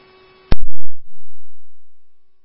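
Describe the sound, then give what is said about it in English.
A steady electronic tone from a radio dispatch alert hums briefly, then cuts off with a sharp, loud click and burst, followed by a low, fading rumble of radio static. “First, like, prior tones received.”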